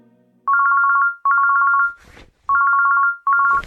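A telephone rings loudly with a warbling electronic trill, two double rings separated by a short pause with a brief rustle in between. No one speaks.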